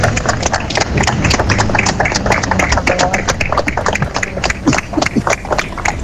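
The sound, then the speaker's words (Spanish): In the town hall square in Santander, a few dozen people clap in loose, uneven, improvised applause to end a minute of silence for victims of the earthquakes in Venezuela, under intense rain. The sharp hand claps overlap irregularly over a steady low murmur, with no clear rhythm throughout. “Así finalizaba ese minuto con unos improvisados aplausos de las poquitas decenas de personas congregadas en la plaza del consistorio, porque el día a esa hora no acompañaba con una intensa lluvia que caía sobre la ciudad.”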